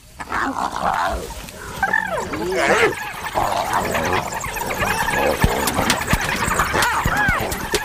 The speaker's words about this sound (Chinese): 又来了一只，现在有四只了。刚刚来的那只斑鬣狗地位比较低。斑鬣狗自己打起来了。